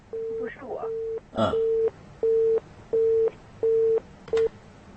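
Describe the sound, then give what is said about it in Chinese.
A telephone busy tone beeps in a steady rhythm, about seven evenly spaced, fairly loud pulses, with a brief burst of voice and line noise near the start, after one party's line drops during a multi-party phone call. “哪个电话掉了？谁还在现在？”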